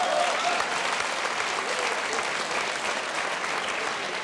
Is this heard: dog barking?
no